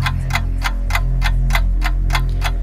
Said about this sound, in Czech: Tak jo, už to tiká a já vidím, že už to i cinká.